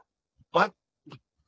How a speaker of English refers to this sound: Sit down! Sorry, it's a dog. I have to apologise for this dog, which has decided to bail up. Don't worry about the dog.